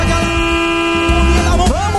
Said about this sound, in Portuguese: Vamos buzinar, vai, vamos buzinar. Vamos buzinar. Buzina aí, que tá na hora. Buzina aí.